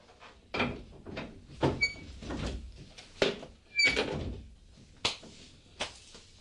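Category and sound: household object, door being opened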